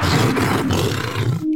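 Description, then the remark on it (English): A big cat lets out one long, loud roar, deep and rasping with a rough, growling texture, sustained for about a second and a half before it cuts off abruptly. “The cat.”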